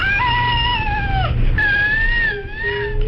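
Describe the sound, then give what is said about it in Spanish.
The cry of a baby with cri-du-chat syndrome, a genetic alteration caused by loss of part of chromosome 5: a high-pitched, cat-like cry in long sustained wails with wavering pitch, loud, two drawn-out cries separated by a brief break, over a low background rumble. “El síndrome se llama precisamente cri du chat, porque es este sonido, este llanto, recuerda al maullido de un gato, realmente,”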